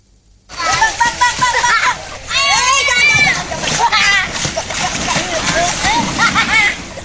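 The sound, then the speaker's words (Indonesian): Children aged 7 to 12 shout and chatter excitedly over steady splashing and sloshing water as they ride a rubber boat along the Code River through Yogyakarta city, in a river class held by the Jogja Adventure Kids community, with lively overlapping voices throughout. “Anak-anak ini menaiki perahu karet saat menyusuri Sungai Code yang membelah Kota Yogyakarta.”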